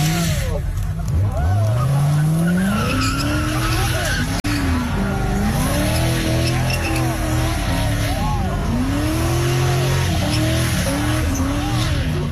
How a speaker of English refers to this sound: So I immediately just pulled out my phone. And started recording immediately just to see what it was. And he was on the opposite side of the road, and he was starting to do a burnout.